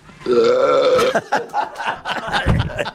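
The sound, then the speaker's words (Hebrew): A long, loud, croaking burp with a rough, wavering pitch lasting about a second, followed by a burst of laughter and chatter from several people. “אתה מגלה דברים בפסקול שלא ידעת, משפטים שלא התייחסנו, צלילים, ומיני פליטות גוף כאלה ואחרות, שיוקים וגיוקים.”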